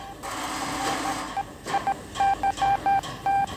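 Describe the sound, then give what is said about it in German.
A quick run of telephone dialing tones in the telephone exchange of a police headquarters: about eight short beeps in an uneven sequence after a brief hiss of line noise. The beeps are clear, with no one talking. “Telefon, Fernschreiber und Polizeifunk haben den Wettlauf mit der Zeit aufgenommen.”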